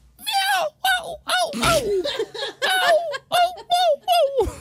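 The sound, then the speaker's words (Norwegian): A person imitates a seagull with a series of about ten high, wavering, squealing cries, each bending downward in pitch, loud and repeated in quick bursts with brief pauses between. “Ja, innpå det mellom katt og måke der, vil jeg si.”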